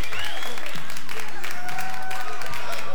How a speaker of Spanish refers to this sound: Che, fuerte los aplausos para don José Jauregui.